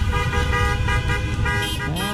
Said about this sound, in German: So hörte es sich gestern am späten Abend an in der Hammer Innenstadt. Die hier lebenden Bosnier feierten mit einem Autokorso das 3:1 von Bosnien-Herzegowina gegen Katar bei der Fußball-WM.